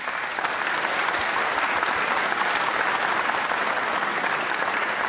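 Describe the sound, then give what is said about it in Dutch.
Sustained applause from a large audience for a violinist at a concert, a dense, steady wash of clapping hands at an even level throughout, with no voices standing out. “Mag ik een groot applaus voor Hawieg Elders.”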